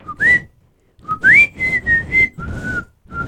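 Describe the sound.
A person whistles a short, bright melody, with rising and sliding notes in a steady rhythmic phrase and brief pauses between bursts; no one speaks.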